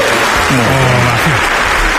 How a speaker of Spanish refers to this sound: Ya está. Ovación, espera.